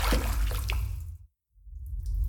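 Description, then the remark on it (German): Water splashes and drips over a low watery rumble around stones made slippery by the water, with a few sharper drops standing out early on, a brief hush in the middle, then the sloshing resumes. “Die Steine sind durch das Wasser so rutschig.”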